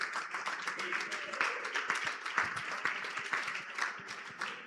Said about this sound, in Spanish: Dele ese aplauso fuerte.